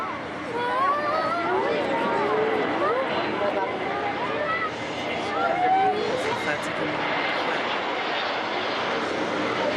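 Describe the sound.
The airplane of Pope Leo XIV, just arrived at Tarbes in the Pyrenees, France, from Paris-Orly, sits on the ground with its engines running, a loud, steady roar and whine that fills the whole stretch, with indistinct voices murmuring underneath.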